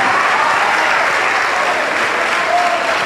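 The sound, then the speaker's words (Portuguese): A large church audience claps continuously for the Lord Jesus as people come forward, a dense, steady wash of applause that stays loud and even throughout without breaks or distinct individual claps. “Vem, vem, vamos aplaudir mais, igreja.”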